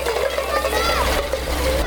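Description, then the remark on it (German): A fire hose sprays water in a steady, continuous hissing rush, loud, with children's voices faintly audible underneath, during fire safety education for preschool children of a kindergarten in Weißenborn, as a second nozzle is turned on. “Genau, zweites Rohr Wassermarsch. Ne? Und jetzt aufdrehen.”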